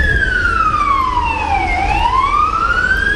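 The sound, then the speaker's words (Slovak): A loud emergency vehicle siren wails, its pitch sliding steadily down and then climbing back up, over a constant low rumble of traffic, with no voices, as rescue services arrive at a primary school after a fire alarm. “V tom čase už prichádzajú záchranné zložky.”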